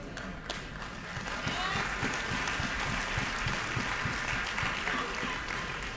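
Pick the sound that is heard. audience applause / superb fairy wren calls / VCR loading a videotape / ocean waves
audience applause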